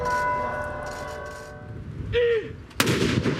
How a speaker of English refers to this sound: Today in Oslo, cannons fired in tribute. As thousands of people queued to lay flowers at the royal palace and remembered a modernising and much-loved king.